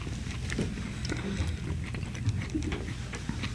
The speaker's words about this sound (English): Now we're talking. And I can hear you chewing. Sounds really good.